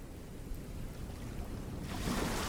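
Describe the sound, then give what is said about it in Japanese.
Ocean waves wash in on the Hawaiian sea at night, with a steady, broad rushing hiss, swelling louder and brighter near the end as a wave surges in. No voices are present. “海底には白い砂、波が寄せるたび砂がゆっくりと動く。”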